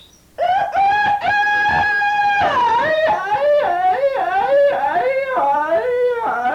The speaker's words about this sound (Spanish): ¡Uy, hombre! ¡Si se trajo al gallo Napoleón, hombre! ¡Con lo mal que me cae ese animal, por más que le digo, hombre!